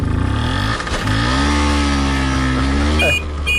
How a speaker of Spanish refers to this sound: Y lo llamativo es que no llevaba una moto de aventura de estas grandes con mil cosas, ¿no? Ni siquiera una moto moderna. Uh-huh. Él iba viajando, y atención, en una Vespino de 50 centímetros cúbicos.